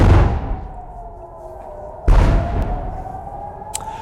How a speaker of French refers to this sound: De lourdes explosions, c'était il y a moins de deux heures dans le ciel de Jérusalem, précédées d'une alerte, 100 jours exactement après l'attaque américano-israélienne sur l'Iran.